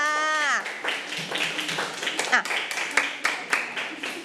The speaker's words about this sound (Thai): เอามือลงปรบมือให้กับตัวเองค่ะ